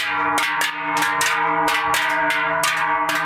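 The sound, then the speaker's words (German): Large Swiss cowbells carried by walking people clang loudly and steadily at a national cowbell-ringing gathering in Schüpfen, Bernese Seeland, Switzerland, their metallic strikes coming in a quick, uneven rhythm over a dense, ringing drone of overlapping tones, with no voices. “Die Schöpfen im Berner Seeland laufen am Freitag die Leute mit den grossen Glocken auf.”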